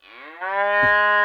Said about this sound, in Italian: Allora, in pratica, il presepe è già tutto montato e c'è questa tastiera elettronica dove puoi pilotare, diciamo, tutti i personaggi, no? Ad esempio, ci sono tutti gli animaletti. Allora, comincia, sentiamo la mucca.